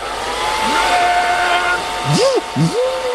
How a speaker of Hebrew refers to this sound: היא לא זיהתה את הפן. אתם מקבלים? פן, זה היה פן.